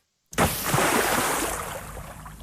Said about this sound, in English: Before we let you go, should we crank Body Dumped in River one more time and get a big cheer at the end?